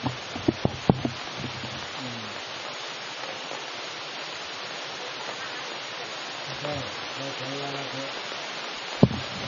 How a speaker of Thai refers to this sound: โอ้ฝนตก